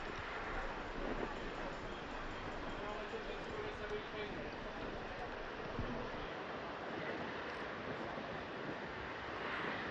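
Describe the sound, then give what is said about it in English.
Steady roar of rough sea surf off the island of Lampedusa mixed with heavy wind buffeting on a windy day, a dense, continuous wash of noise with no pauses, loud throughout. “Like we were saying, it's pretty rough sea today because of this, because it's quite windy.”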